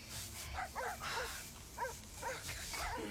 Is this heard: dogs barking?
yes